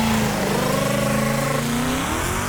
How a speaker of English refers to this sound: Jesus sounded like this. Sounded like a Mustang.